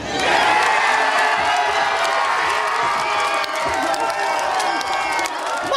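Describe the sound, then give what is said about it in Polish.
A large crowd in a fan zone cheers and shouts loudly and continuously as Maja wins and is set to reach the final, a dense roar of many voices that stays intense for the whole stretch without a break. “wypełnili dosłownie całą tę strefę kibica. Co się działo w momencie, w którym Maja ostatecznie zwyciężyła i było już wiadomo, że dotrze do finału, no to posłuchajmy, bo tego aż nie da się opisać tylko i wyłącznie słowami.”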